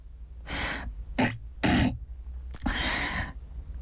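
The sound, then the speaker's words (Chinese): A man clears his throat in several short, rough, breathy bursts, fairly loud, with brief pauses between them and no speech, before shouting in front of a watching crowd. “在众人的注视下，…咬了咬牙，清了清嗓子。”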